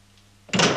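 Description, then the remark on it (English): A low hum gives way to a door closing, which closes an electric circuit: a sudden, loud mechanical rush starts midway and keeps going to the end, with no one talking. “Watch the door you came in.”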